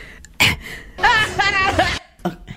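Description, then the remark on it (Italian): A sharp, abrupt hiccup near the start, then a wavering, high vocal sound and two quicker catches of breath at the end, all fairly loud. “Aspetta, viene il singhiozzo, scusa.”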